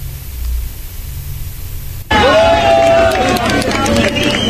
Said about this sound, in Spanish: Son gritos de júbilo en medio de la tragedia. Con una calle de honor, estos trabajadores de emergencia celebran el rescate